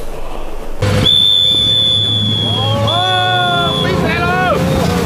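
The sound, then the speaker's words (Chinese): A speedboat carrying tourists roars across the Jialing River during the National Day holiday, its engine drone and rushing spray loud and steady, while a flock of wild geese flies alongside low over the water; high-pitched wavering calls and the tourists' excited exclamations rise over the noise toward the end. “国庆假期，嘉陵江上兴起了一个新旅游项目，游客乘坐飞驰的快艇，一群大雁在旁边贴水飞行，游客的惊呼声此起彼伏。”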